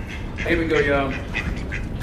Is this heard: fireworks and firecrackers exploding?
no